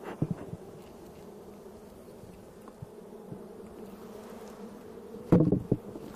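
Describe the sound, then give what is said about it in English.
A steady, dense drone of many honeybees buzzing in a beehive as it is opened with a hive tool after a puff of smoke, a low hum throughout with a brief louder burst of activity near the end. No one speaks. “We're gonna use this to open up the hive because they like to glue the lid down with wax.”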